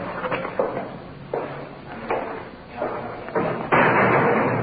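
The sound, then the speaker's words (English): A big, heavy iron door slams shut as a police officer takes a suspect through it toward the booking desk, with a series of loud thuds and clanks that land at uneven intervals, the final impact the strongest, with no talking. “Through the big iron door.”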